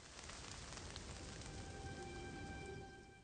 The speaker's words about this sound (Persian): طوفان‌های بارانی با بادهای شدید و ابرهای تاریک همراه می باشند.